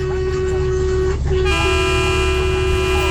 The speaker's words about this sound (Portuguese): Buzina, buzina, buzina, buzina. É buzina? Então toma. Ó, ó. É aqui o Brasil inteiro buzinando.